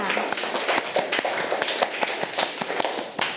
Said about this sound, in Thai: เก่งมากค่ะอัดปรบมือให้ตัวเองค่ะ